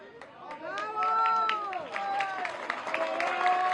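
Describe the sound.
Several rescue workers cheer and shout with rising, drawn-out voices while scattered hand claps burst out, the clamour staying loud and lively throughout, as a woman trapped about 36 hours is rescued from the ruins of a hotel in Pereira after a strong earthquake.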